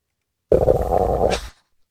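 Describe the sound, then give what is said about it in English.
A single loud stomach growl from a hungry person skipping lunch lasts about a second, a low gurgling rumble with a whiny tone that rises into a brief squeak before cutting off, with silence around it. “Could be my stomach.”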